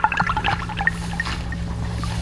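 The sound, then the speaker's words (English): Water dripping and trickling in quick, irregular little plinks, many small drops falling over a steady low background hum, fairly close and moderately quiet, with no voices. “All we need is a drip and a drop.”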